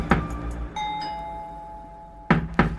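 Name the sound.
knocking on a door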